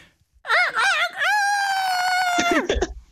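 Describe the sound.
A man's voice imitates a rooster crowing: a single loud cock-a-doodle-doo with a wavering, warbling start and a long sustained high note that drops off at the end.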